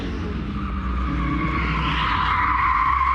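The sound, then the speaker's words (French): A rally car's tires skid and squeal steadily on grass for a few seconds with zero grip, a loud continuous screech over a low engine rumble, its pitch rising slightly toward the end. No one speaks. “Par contre, il y a zéro adhérence pour le moment.”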